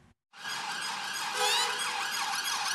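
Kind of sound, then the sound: vehicle, police convoy sirens blaring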